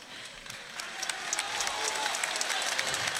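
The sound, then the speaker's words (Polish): Applause from an audience that starts moderate and swells louder, a dense wash of many hands clapping with scattered sharper claps, no voices standing out. “Wielkie brawa, moi drodzy!”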